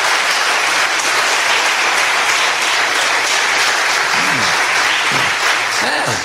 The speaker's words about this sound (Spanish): ¿Por qué no aplauden de verdad? Denle la gloria a Dios. Alabe a Dios.